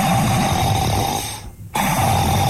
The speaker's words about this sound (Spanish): Ya vamos rumbo para las 7 de la mañana y usted todavía sigue dormidote ahí, roncando todavía.